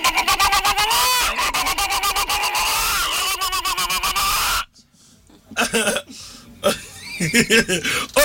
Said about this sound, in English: Hen.